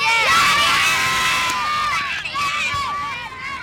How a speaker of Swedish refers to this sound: Jublande barn där på Östermalms IP.